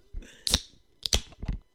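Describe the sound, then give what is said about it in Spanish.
A can of Mahou being opened: a few sharp metallic clicks and cracks, with a short bright hiss of fizz after the pop, then more clicking. No one speaks. “Me abro una, qué demonios.”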